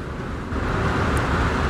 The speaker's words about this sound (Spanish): Está lloviendo bastante, bastante fuerte aquí en el centro de la ciudad.